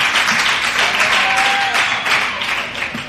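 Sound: audience applause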